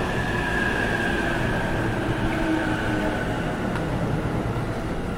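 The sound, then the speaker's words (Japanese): A Special Rapid train bound for Tsuchiura, 15 cars with four doors and Green cars, arrives at platform 4 with a steady, loud low rumble of wheels and carriages, faint high tones of braking squeal drifting over the top, and no voices. “特別快速土浦行き到着です。4番線ご注意ください。”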